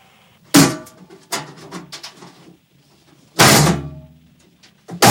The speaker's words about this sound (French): Non, non, le problème... Attendez, je vais essayer d'ouvrir la porte, quoi. Mais la cage, elle est bloquée.